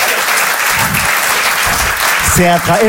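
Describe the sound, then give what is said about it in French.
A steady, dense round of applause fills the whole stretch, loud and even, with a voice briefly rising over the clapping near the end. “Elle applaudit en plus.”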